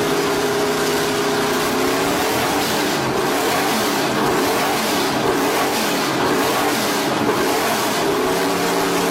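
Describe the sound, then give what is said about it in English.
A car in a showroom revs loudly and steadily for several seconds, its low rumble rising and falling in pitch with a rough, roaring texture. No one speaks. “Just imagine if they knocked it into gear.”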